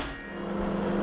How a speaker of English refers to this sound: And as soon as the microwave starts, you can hear it scrambling the signal.